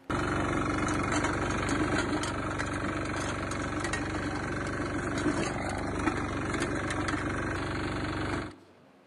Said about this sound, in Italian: Tu guidi un altro tipo di moto. Io il mio automezzo, il trattore, quello... La moto zappa.